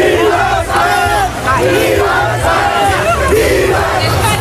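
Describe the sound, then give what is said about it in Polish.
A dense crowd of Spanish football fans in New York roars and cheers continuously after the final whistle, celebrating Spain's World Cup final win over Argentina, with many voices shouting and chanting over one another in a loud, sustained celebration. “Zaraz po ostatnim gwizdku w Nowym Jorku zaczęło się świętowanie.”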